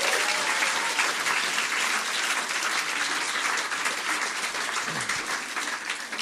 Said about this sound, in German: Erstmal Applaus für die Poetin, nicht für die Wertung.